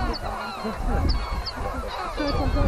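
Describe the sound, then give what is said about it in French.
A noisy colony of lesser black-backed and herring gulls calling at sea cliffs, with many overlapping squawks and laughing cries forming a dense, continuous chorus, some birds louder than others. “Les goélands bruns et argentés, globalement, attaquent plutôt, entre guillemets, à coups de fiente.”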